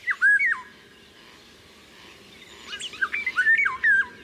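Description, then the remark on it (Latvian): A Eurasian golden oriole calls with loud, fluty whistled phrases: one short burst at the start, then a longer run of rising and falling notes after a pause, with no talking. “Un tad vēl vālodzē ir arī nesmukā balss, tāds aizsmacis brēciens.”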